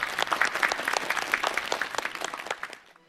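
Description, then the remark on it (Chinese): A crowd claps steadily for about three seconds, a dense patter of many hands at moderate loudness, applauding teacher Zhu Xiaofeng at the end of a program on Dunhuang music, then the applause tapers off quickly into near silence at the end. “那在节目的最后呢，让我们再一次把热烈的掌声送给朱晓峰老师，感谢他今天带来的分享。”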